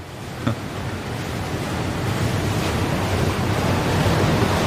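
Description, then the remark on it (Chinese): Ocean waves make a steady, rushing wash of surf that swells slightly louder over a few seconds, with wind blowing across it. No voices. “也许是这大海吸引了我，今日面对，真的能感觉到这大海的神秘莫测。”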